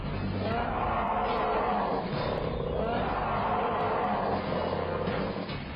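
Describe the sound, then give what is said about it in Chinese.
A black-furred bear roars loudly, a deep, rough, rumbling bellow that keeps going for several seconds with only slight swells in intensity, as it stands upright, excited at seeing people. “他见了活人立刻兴奋起来，人立着咆哮如雷呀。”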